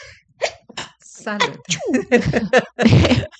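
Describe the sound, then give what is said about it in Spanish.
A person speaks briefly, then lets out a single sharp, noisy, loud sneeze near the end. “Ahora me dio estornudo, mira qué vaina.”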